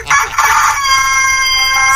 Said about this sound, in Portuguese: Toda vez que esse galo canta, a alma do ceboso sai do corpo. Dá um trimilique nele. Eita, lasqueiro, galo polícia.